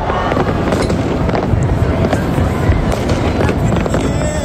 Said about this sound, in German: Ums Feuerwerk selbstverständlich. 1. August, das ist für viele Schweizer Nationalfeiertag.